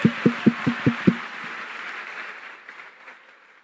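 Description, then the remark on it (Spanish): Men in an audience applaud, opening with six loud, evenly spaced claps in quick rhythm, then dissolving into a softer wash of scattered clapping that gradually fades away, with no talking. “Por fin aplaudieron los hombres, apenas dije gay.”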